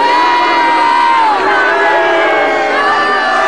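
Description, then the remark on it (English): A large crowd of protesters, supporters of republicanism and other causes, shouts and cheers continuously during a prince's visit to Monash University in Melbourne, many overlapping voices raised together in a loud, dense roar that never lets up, with no clear individual words standing out. “The prince's supporters were out-bannered and out-shouted by supporters of republicanism and other causes.”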